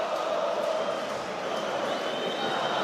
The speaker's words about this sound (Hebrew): עכשיו עוד פעם הקהל, הוא כבר בחגיגות משלו.